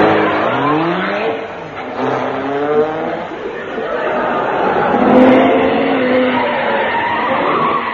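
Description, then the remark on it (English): A car engine revs loudly with rising and falling pitch, tires squealing as it skids and speeds off, the roar continuous throughout. “Just as I thought, this car runs on water.”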